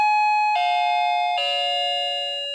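A shop door entry chime rings out in three descending electronic tones, each a clear sustained note with harmonics, the last one lingering and slowly fading. No voices.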